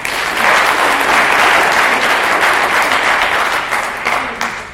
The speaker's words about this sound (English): So let's give them a clap.